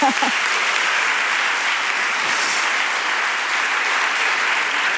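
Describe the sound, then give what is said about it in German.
Dörte Hansen fans in a hall applaud on request at an author event, a dense, even wash of many hands clapping that holds at the same loud level for several seconds, with a brief voice at the very start. “Einmal klatschen gibt's hier heute Dörte Hansen-Fans.”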